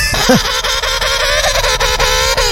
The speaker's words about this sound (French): Un pingouin. Ah oui, le pingouin le manchot. Ah et oui, non, il a raison, c'est un pingouin.